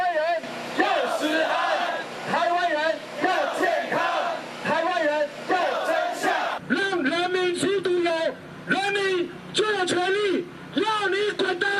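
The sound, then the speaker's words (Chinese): A large protest crowd on Ketagalan Boulevard in Taiwan, in hot weather, shouts and roars over food safety in rhythmic bursts, loud chanted cries rising and falling in repeated waves, with a sharper, louder stretch of yelling in the second half. “今天的凯道就是民意的展现，人民发出怒吼，表达民意的不满以及对食安的期盼。”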